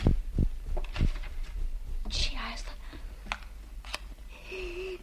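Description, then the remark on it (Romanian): A match is struck once, a short scratchy scrape with a brief hissing flare, surrounded by quiet rustling, small clicks and faint whispering. “A prins un chibrit.”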